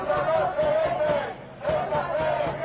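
A large crowd of about 20,000 protesters (by the government delegation's count) at a march in Spain against Pedro Sánchez, joined by Partido Popular and Vox, chants a slogan in unison, the rhythmic shouted phrase rising and falling in loud repeated waves with a brief dip before the chant swells again.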